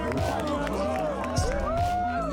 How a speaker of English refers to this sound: Listen to this crowd. Here we go, baby.